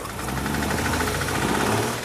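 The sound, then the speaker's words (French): An old car engine in the CarSOS workshop turns over and runs with a loud, rough, rapidly knocking chug that stays steady throughout, with no one talking. “Attends, tu te pointes juste pour démarrer la voiture ?”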